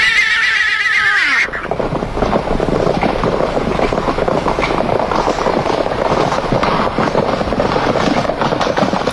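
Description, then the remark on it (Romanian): A horse whinnies loudly for about a second and a half, its high quavering neigh falling in pitch, then it cuts into a steady wash of broad rumbling noise. “Până am pariat pe un cal la curse.”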